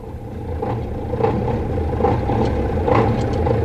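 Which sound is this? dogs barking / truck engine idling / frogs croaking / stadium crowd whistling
truck engine idling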